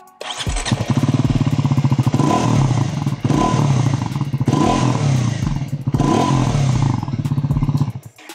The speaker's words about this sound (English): Lovely. I believe it is the best sounding exhaust in this segment.